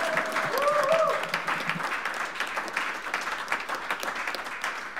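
Sustained audience applause, a dense steady patter of many hands clapping for about five seconds, with a brief rising whistle or cheer near the start.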